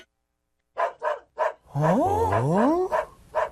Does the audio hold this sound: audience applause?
no